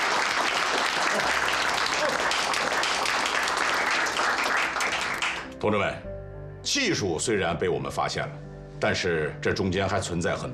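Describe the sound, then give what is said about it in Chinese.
A room full of people claps in a loud, dense burst of applause for several seconds, applauding a naval carrier-landing procedure that found an accurate landing method, then it stops and a man begins speaking clearly. “它的最大贡献就是找到了准确着舰的方法，大家鼓掌。”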